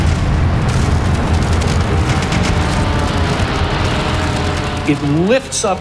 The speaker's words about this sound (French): Le coup le plus spectaculaire est porté à l'USS Arizona. Une bombe traverse le pont, atteint le magasin à munitions, et là, le navire explose littéralement.